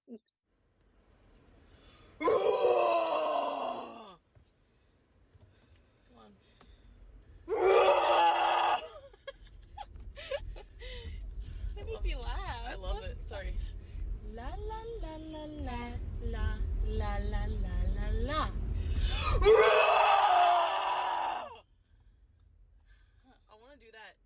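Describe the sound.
Two voices let out three long, loud screams, the last the longest, with wavering moans and vocal noises between them over the steady low rumble of a moving car, on the car ride home from a show, trying to scream like a band's singers.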